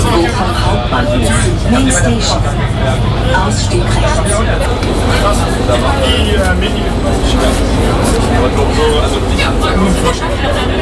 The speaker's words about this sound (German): Angekommen am Bochumer Hauptbahnhof. Ein bisschen erleichtert steige ich aus der U-Bahn aus.